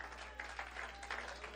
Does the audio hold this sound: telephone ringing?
no